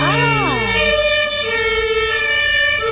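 A loud emergency vehicle siren passes by, its tone sweeping at first and then holding a steady, piercing pitch over the rumble of traffic.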